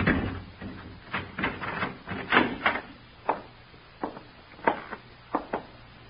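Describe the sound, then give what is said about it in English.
A door being unlocked with keys and opened: a cluster of rattling clicks and scrapes, then several sharp, separate knocks and clunks spaced over a few seconds, with no voices. “Here, open the door.”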